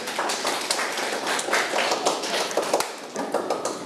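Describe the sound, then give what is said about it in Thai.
A group of students in a classroom claps for a classmate who answered a maths question correctly, a dense, steady patter of sharp hand claps that fills the whole few seconds at an even, moderate loudness, with no talking. “เพื่อนทำถูกต้องไหมครับทำถูกต้องปรบมือให้เพื่อนหน่อยครับ”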